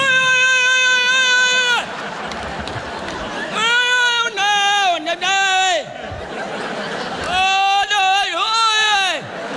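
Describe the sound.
A voice imitates desperate gasping for breath, as after getting the wind knocked out in a bike or skateboard crash: strained, high, whooping groans with wavering pitch, in three loud bursts, the later ones broken into short choppy heaves with brief pauses between.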